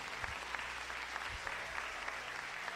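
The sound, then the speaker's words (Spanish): A church audience applauding loudly in praise of the Lord, a dense wash of many hands clapping together at an even level throughout, with no voices standing out above it. “¿Cuántos alaban al Señor? Denle un fuerte aplauso.”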